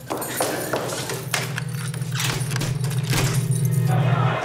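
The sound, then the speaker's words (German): A bunch of metal keys jangles and clinks in irregular bursts as a door is being locked, over a steady low droning hum in the background. “Nehmen Sie den Schlüssel. Tür abschließen.”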